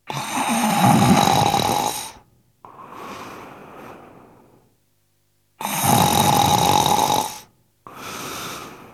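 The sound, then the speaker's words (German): A man lying down snores heavily, two full breaths: a loud, rasping inhale followed each time by a softer, breathy exhale, with brief silences between them. “Dann legte er sich nieder, und als er ein Weilchen gelegen hatte, fing er an zu schnarchen wie im tiefsten Schlaf.”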